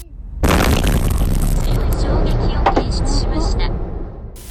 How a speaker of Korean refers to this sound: 엄청난 폭발이 일어나면서 맞은편 도로까지 파편이 날아갔습니다.